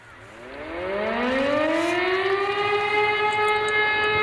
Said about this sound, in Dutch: Ja, het maandelijkse luchtalarm. Het kabinet heeft geen geld gevonden voor een nieuw sirenennetwerk dat je kan waarschuwen bij rampen. De minister van Justitie schrijft aan de Tweede Kamer dat er dus in 2028 een eind komt aan die maandelijkse test.